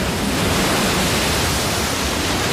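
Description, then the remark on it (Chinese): Rough ocean surf roars loud, a dense, steady wash of churning water against a reef-strewn rocky shore on the chinstrap penguins' route to their breeding grounds, with no clear pauses between waves. No voices. “汹涌的海浪和礁石密布的海岸，让帽带企鹅往返繁殖地的路途变得格外凶险。”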